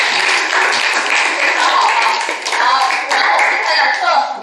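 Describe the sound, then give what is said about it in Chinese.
A class of students clapping together at the teacher's call after a student's answer in a lesson, a dense, steady patter of many hands lasting several seconds at a strong, even loudness, with a few voices mixed in underneath. “保持直行，控制它的方向，哎，非常好，给掌声这里面。”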